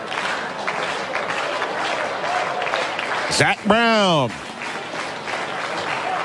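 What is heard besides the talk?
baseball stadium crowd applauding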